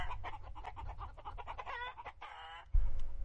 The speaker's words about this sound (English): Chickens, too many. He's got to get rid of some of them